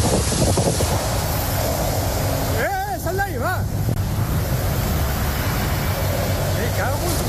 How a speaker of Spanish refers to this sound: Reventones térmicos y vientos de hasta 150 kilómetros por hora.